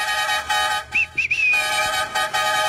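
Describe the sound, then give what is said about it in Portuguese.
A loud, blaring horn honks in several bursts, some short and one long, with a brief rising whistle-like tone slipping in partway through. No one speaks. “Tem que chamar na buzina, viu? Chama na buzina.”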